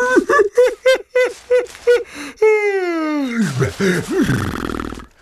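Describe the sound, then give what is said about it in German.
Several short, rhythmic vocal huffs give way to a long, loud yawn, performed by a voice, that slides steadily downward in pitch and ends in a breathy, trailing exhale. “Und gähnt wieder.”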